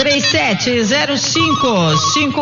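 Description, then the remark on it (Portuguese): A telephone rings loudly and continuously for a couple of seconds, its warbling melodic tones sliding up and down, with voices mixed in underneath. “Pega o telefone, 19. Tá tocando lá, olha.”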